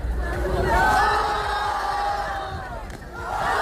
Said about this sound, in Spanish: A ver, un círculo de público que aplaude o abuchea a dos chavales en el centro batallando.